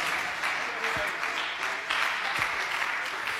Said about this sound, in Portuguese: Pode bater as palmas para Jesus, igreja.